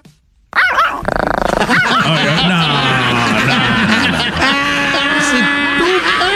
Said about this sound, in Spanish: Oye, ponle un perro de a de veras, ¿qué es eso? ¿Qué es eso? ¿Un chihuahua? Con madre el perro. Es un perrín. Muy bien, el perrito. Un perrillo.